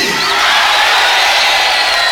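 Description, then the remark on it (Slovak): A large crowd yells the name "Freddy" together in one loud, sustained shout, many voices blending into a dense roar that holds steady for about two seconds. “Môžeme mu zakričať všetci spolu, ahoj.”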